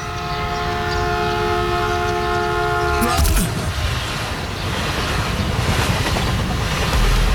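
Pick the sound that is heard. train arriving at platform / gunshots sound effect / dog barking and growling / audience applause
train arriving at platform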